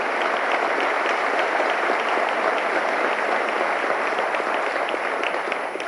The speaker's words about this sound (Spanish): Yo quiero pedirle de corazón, por favor, un aplauso